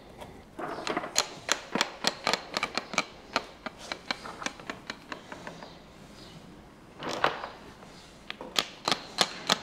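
A hammer taps paving stones being laid in a quick, uneven run of sharp, clicky knocks, pausing briefly midway before the tapping resumes, with no voices.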